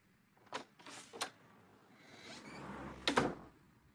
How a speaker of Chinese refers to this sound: 随着重重的关门声，曾泽生的心不觉被震了一下。